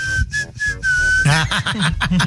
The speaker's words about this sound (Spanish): De a silbido, de a chofer, caray.